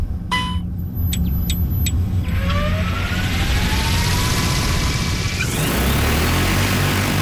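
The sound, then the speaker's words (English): A few quick electronic beeps, then a large agricultural spray drone spools up with a rising motor whine and a loud, steady roar of rotor wash as it lifts off to spray water over a field in a demonstration. “only spraying water to demonstrate what the drone can do.”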